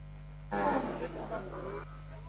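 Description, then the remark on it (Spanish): A single drawn-out cow moo at a livestock market in Sensuntepeque, a small town 80 kilometres northeast of San Salvador, El Salvador, clear and lasting just over a second against a steady low background hum, with quiet stretches before and after. “En este mercado ganadero de Sesuntepeque, una pequeña localidad ubicada a 80 kilómetros al noreste de San Salvador, los animales son la prueba viviente”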